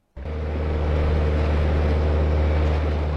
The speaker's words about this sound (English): A boat full of budding ecologists weaves through wetlands. The group, armed with binoculars, bird books and cameras, scour their surrounds, passing elephants, hippos, water birds and the odd crocodile.